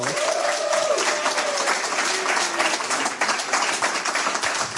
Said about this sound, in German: Bitte begrüßen Sie mit einem herzlichen Applaus von der Reigenfermentation